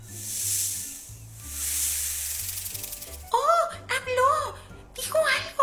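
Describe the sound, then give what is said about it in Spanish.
A voice imitates a snake with two long, drawn-out, loud hisses, followed by a burst of hissy, garbled vocal sounds, as if the snake were trying to talk. “Mejor interroga a la serpiente. A ver si nos dice algo.”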